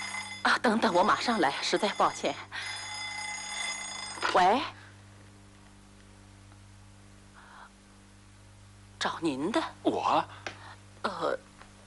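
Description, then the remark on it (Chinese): A telephone rings loudly for a couple of seconds, a steady buzzing bell tone, right after a man speaks; a little later voices resume over a quiet room. “等等，我马上来，实在抱歉。喂，找您的。”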